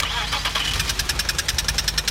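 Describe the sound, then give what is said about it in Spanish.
A car engine cranks and sputters, then settles into a rapid, rhythmic knocking that gets faster and steadier, loud with a harsh metallic clatter. “Si tu auto hace este ruido”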